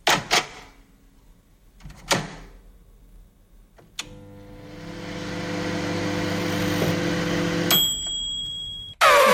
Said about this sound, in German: Genau, unsere Mikrowelle stimmt.